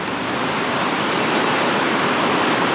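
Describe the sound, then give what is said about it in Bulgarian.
A steady, loud roar of rushing floodwater from the overflowing Yantra River in Veliko Tarnovo, Bulgaria, flooding a street in the Sveta Gora neighbourhood; a dense unbroken wash of noise, with no voices or other distinct sounds. “Река Янтра продължава да прелива.”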